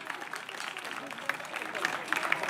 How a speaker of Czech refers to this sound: Takže zatleskejte prosím zvukařům.